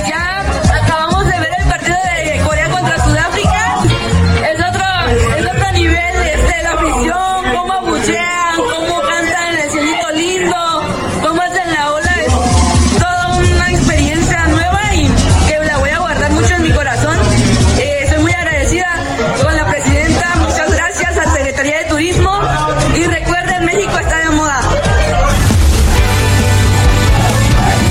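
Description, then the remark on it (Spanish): A large stadium crowd shouts, roars and boos continuously, many voices overlapping into a loud, dense wall of noise that swells and surges throughout, with a harsher burst of noise near the end. “Estamos aquí en el estadio, la emoción se siente a todo dar, los gritos, el abucheo, la vibración del estadio, la felicidad está a tope.”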